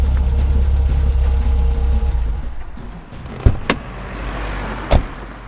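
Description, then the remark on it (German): A car rumbles along with a steady low engine drone that fades out after a couple of seconds as it comes to a stop, followed by two sharp clunks. “Ich hätte sie zu gern aus dem fahrenden Wagen geworfen.”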